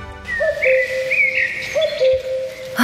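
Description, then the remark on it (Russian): A cuckoo calls with clear, whistle-like notes, sounding twice in a steady rhythm, and no one speaks over it. “Кукушка, кукушка, сколько лет нам копить первый взнос на квартиру в первом ДСК?”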